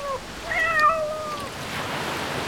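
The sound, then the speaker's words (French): A single drawn-out cat meow, clear, rising then trailing off, over a steady wash of background noise like surf or running water. “Ici, les chats sont partout.”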